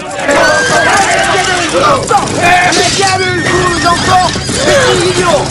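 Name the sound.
horses rearing and whinnying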